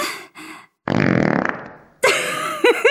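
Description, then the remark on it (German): A toy robot cat, being petted, lets out a loud, rasping fart-like blat lasting about a second, framed by short buzzy bursts before and warbling, squeaky tones after. No one speaks. “Mensch, Theo, das soll ein Katzenroboter sein? Das klang eben eher wie ein Dinosaurier auf dem Klo.”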